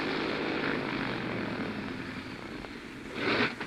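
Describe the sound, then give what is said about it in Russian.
A propeller airplane engine drones steadily at 3500 metres over mountains, its roar wavering slightly as the engine sputters, then surging louder for a moment near the end, with no voices present. “Мотор чихает. Я над горами.”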